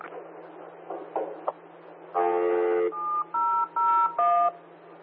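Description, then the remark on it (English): A series of phone keypad beeps from someone in Armidale City with an open channel on a phone, steady dual-tone notes in a short irregular sequence, ringing out loudly over a hissy, band-limited radio channel with a low constant hum underneath. “Yeah, Armidale City, someone has an open channel on a phone.”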